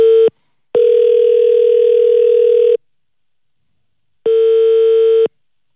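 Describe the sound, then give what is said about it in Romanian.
Loud doubled telephone ringing tones on a phone call: a brief clipped beep, then a long steady two-second tone, a pause, and another second-long tone, with no voices. “Ce dubios e apelul ăsta. E dublat, tonuri, practic.”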